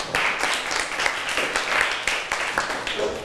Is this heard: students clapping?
yes